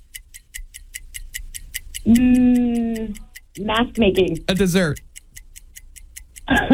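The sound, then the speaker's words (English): A game timer ticks steadily and quickly throughout, a regular stream of crisp, fairly loud clicks running under excited voices calling out answers, words starting with the letter M for each category. “The clock has run out.”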